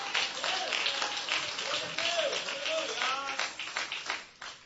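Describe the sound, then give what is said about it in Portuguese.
An audience applauds Jesus, clapping steadily in a dense, sustained burst, with voices calling out and cheering over it. The clapping fades toward the end. “Pode aplaudir a Jesus.”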